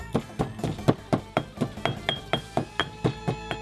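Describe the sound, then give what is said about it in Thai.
Steady rhythmic pounding of a pestle in a mortar as black peppercorns and kaffir lime zest are crushed, about fifteen sharp thuds in quick succession, each with a dull low knock and a faint ringing clink, with no voices. “แล้วถึงคราวโขลกพริกไทยดำหั่นเตรียมไว้คือหัวคาตามมาคือผิวมะกรูดโขลกไปให้แหลกสักพัก”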